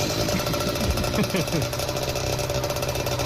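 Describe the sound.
A small motorbike engine putters steadily outside at midnight, its rapid mechanical pulsing continuous throughout, with a faint murmur of voices underneath.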